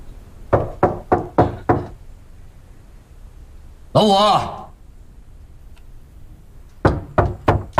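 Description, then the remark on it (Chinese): Two bursts of firm knocking on a door, about five quick raps each, separated by a short spoken call; the raps are loud with a dull wooden thud, with no response from inside. “老五，里面也没动静，肯定不在。”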